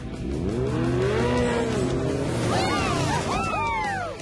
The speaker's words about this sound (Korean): 저기 봐, 치카레타. 퍼피 구조대야. 오토바이 타고 오네. 부릉부릉.